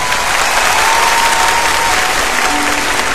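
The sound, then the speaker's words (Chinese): A large audience claps steadily and loudly for a few seconds, a dense, even wash of applause with no pauses and no voices rising above it. “嚟啊，真嘅呢件事，嚟快啲拍手，等我听到你哋。”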